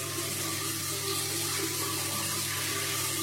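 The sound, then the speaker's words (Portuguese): Shower water runs as two girls shower fully clothed under it, a steady, even hiss, a continuous rush of spray at constant loudness throughout, with no voices or other sounds. “E as duas entraram de roupa e tudo debaixo do chuveiro e tomaram aquele banho gostoso.”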